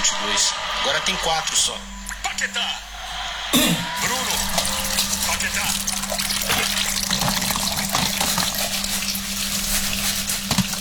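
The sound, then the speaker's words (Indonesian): Tap water runs steadily while two people wash dishes together, a continuous loud hiss and splash with occasional light clinks, and voices talk over it throughout. “Kita cuci piring barengan aja? Yowes, ayo kita cuci sama-sama, Bu.”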